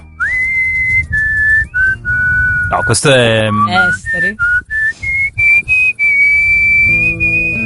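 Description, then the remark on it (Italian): Someone whistles a melody, holding clear, steady notes. A short burst of speech breaks in partway through, then the whistling resumes and glides through several more notes. “Io non so fischiare, quindi non posso.”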